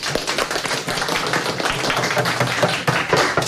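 A crowd applauding steadily, dense overlapping claps at a consistent loud level throughout, with no voices, sounding like a room full of people clapping together.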